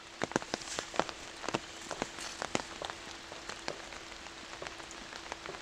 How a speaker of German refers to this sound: Er schätzt die Stille an einem Regentag im Wald.